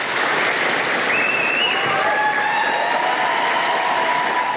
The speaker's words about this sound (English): His staff in the street applauding.